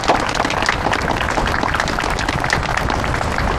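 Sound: audience applause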